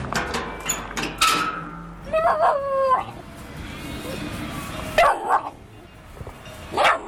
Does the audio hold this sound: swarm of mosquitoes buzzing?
no